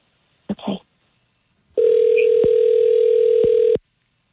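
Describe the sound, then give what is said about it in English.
A phone line ringing out as a call is placed to a man: one steady electronic ringback tone lasting about two seconds, clear, after a brief muffled sound. “Let's give him a call.”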